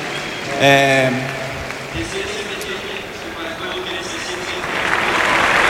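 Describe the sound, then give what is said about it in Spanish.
A crowd applauds during a speech by Rafinha in a steady, dense wash of clapping, with a brief raised voice cutting through early on and the applause swelling louder toward the end. “Uy, no sé si un poco emocionado, esperando a que termine de aplaudir, de romper la gente a aplaudir, sí.”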